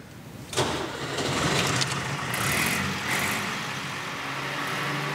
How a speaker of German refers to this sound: Schlüter hat einen ganz bestimmten Sound, einen ganz bestimmten Motorsound. Der ist unverkennlich.